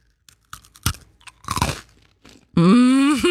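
Crunching as someone bites into a crisp Spekulatius biscuit and chews, several dry, brittle bursts in a row, followed by a loud sustained hummed tone at the end.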